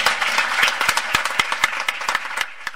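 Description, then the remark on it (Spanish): An audience applauds the staff team of a day centre and care home, a dense wash of many hands clapping with sharp individual claps popping out irregularly, fairly loud and steady before thinning slightly toward the end. “Quiero un aplauso para ellas”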